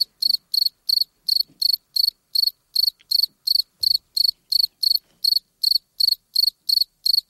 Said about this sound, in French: 23 plus 5, ça fait 28. Voilà, quand le grillon a été enregistré, il faisait 28 degrés.